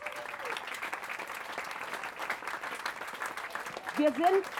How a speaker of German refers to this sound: Und jetzt ein großer Applaus für unsere Spielplatzbauer von der Tollerei.